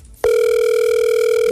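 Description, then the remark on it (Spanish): A phone call rings out unanswered: a steady electronic ringback tone starts abruptly after a brief quiet moment and holds at an even, loud level with no voices. “No contesta.”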